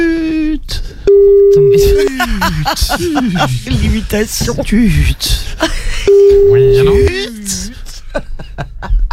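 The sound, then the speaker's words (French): A voice mimics a telephone ringing tone, holding two long, steady beeps about five seconds apart, with lively chatter and laughter from several people filling the gaps between them. “Tut. Oui, mais c'est oui. Je fais des sonneries. Tut.”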